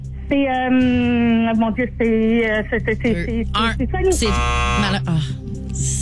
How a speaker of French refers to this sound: Ça a été dit avant le buzzer. Hein? OK. Ouais, ça a été dit avant le buzzer. C'est confirmé.